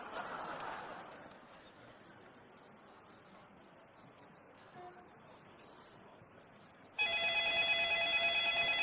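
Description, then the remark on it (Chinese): Low murmuring crowd noise with faint laughter gives way near the end to a loud, steady electronic telephone ring as a nuisance call is dialed, starting abruptly and continuing as the call connects. “别着急，先拨个骚扰电话。”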